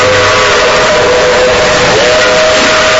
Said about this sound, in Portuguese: É, ouvinte, a Maria Fumaça vem cortando as montanhas de Minas Gerais.